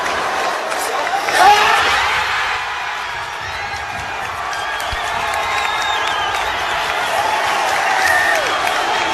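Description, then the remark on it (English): A huge crowd of thousands cheers and shouts in a downtown Denver, Colorado street, celebrating a World Cup win, a dense, continuous roar of voices with scattered whoops and yells rising out of it, loud and steady throughout. “Thousands and thousands of people cheering, going nuts.”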